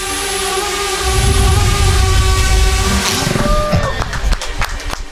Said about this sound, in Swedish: Så här låter det när det finsk-amerikanska startup-företaget Tordynamics skjuter ner en drönare med ett laservapen. Det är som taget ur Star Wars, och det är det egentligen också.